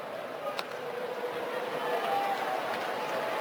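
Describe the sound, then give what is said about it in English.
A large crowd at a baseball game murmurs and cheers, a steady wash of voices that swells slightly in the second half, with a brief sharp knock near the start. “So the crowd aware of that and aware of what's going on here at the ballpark.”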